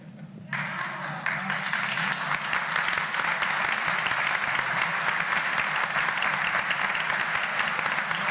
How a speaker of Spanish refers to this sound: Y esos aplausos que sirvan para rezar por los curas difuntos y los que todavía estamos vivos, tratando de, en el peregrinar, ayudar a muchos a llegar a la puerta del cielo y llevar también nosotros.